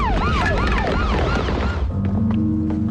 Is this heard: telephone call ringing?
no